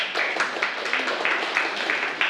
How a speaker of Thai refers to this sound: นักเรียนปรบมือให้เพื่อนด้วยครับ